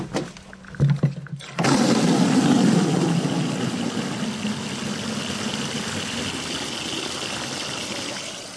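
After a few faint knocks, a steady stream of rainwater gushes from the bottom tap of a 1000-litre rain barrel into a metal watering can, a broad rushing loud pour, its tone shifting slightly as the can fills with 10 litres; in a residential back courtyard on Fritzsche Straße, Berlin-Charlottenburg.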